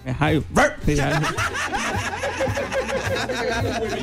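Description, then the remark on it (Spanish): A person barks like a dog in a few short, harsh bursts at the audience's request, followed by laughter and lively chatter from several people in the audience. “Si el público me diga, a ver, ladra.”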